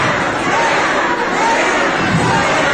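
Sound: crowd booing and jeering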